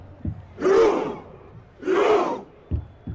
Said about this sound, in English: Norway's Viking Roar has been a big hit in the United States, the soundtrack for a team enjoying their most successful World Cup campaign.